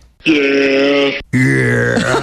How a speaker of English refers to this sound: By the way, I found a goat noise. That's an actual goat. That's an actual goat? Yeah, sometimes they say yeah when they make noises. It's very strange.